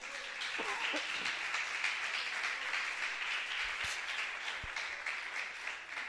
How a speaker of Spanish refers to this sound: ¿Cree que Cristo se merece un aplauso en esta mañana?